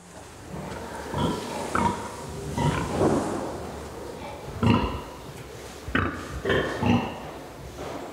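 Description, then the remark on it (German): Sows in an organic farrowing barn grunt over and over, a mix of low, rough snorts and short honking calls at an uneven pace, some overlapping, with moderately loud peaks above a steady background rumble. They grunt because they cannot see each other. “auch wenn das Grunzen seiner Sauen nach Wohlbefinden klingt.”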